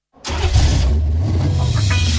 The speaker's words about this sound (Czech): Slyšíte? To je radost vašeho motoru, že jsou tu podzimní víkendy.